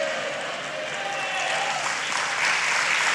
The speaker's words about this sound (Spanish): Dale un fuerte aplauso al Rey de Gloria.